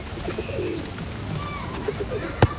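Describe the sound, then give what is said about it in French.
Pigeons coo softly in low, rolling murmurs in a park with trees, against a steady outdoor background, with one sharp click near the end. “Toudou regarde les arbres. Il regarde les pigeons.”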